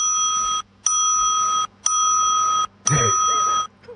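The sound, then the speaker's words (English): A bell rings four times at an even, unhurried pace, each bright metallic ring sustaining before a brief silence. It is clear, with some faint background noise near the final ring. “4 bells. There you go.”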